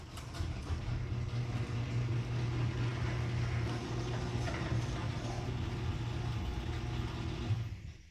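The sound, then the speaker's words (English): A garage door runs on new premium nylon rollers: a steady, low motorized hum with a smooth rolling rumble and a faint buzz from the motor, holding an even level for about eight seconds before cutting off. “play the audio of my new premium nylon rollers.”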